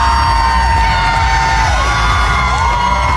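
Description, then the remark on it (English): A large outdoor crowd lining 4th Avenue in downtown Seattle for the Pride parade cheers and whoops continuously, with high shouts and yells rising over a steady roar of many voices, loud and dense throughout. “A huge crowd lined 4th Avenue yesterday morning to watch what's considered to be one of the largest LGBTQ plus celebrations in the country.”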